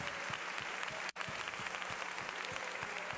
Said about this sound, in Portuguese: Você recebe esta palavra? Aplauda o Senhor. Obrigado, Jesus.